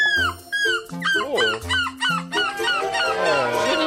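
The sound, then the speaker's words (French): A participant in a seagull-cry imitation contest in Belgium loudly imitates a seagull's cry, a rapid series of short, squawking calls that rise and fall, ending in a longer, rougher screech. “il y a un concours de la meilleure imitation de cri de mouette”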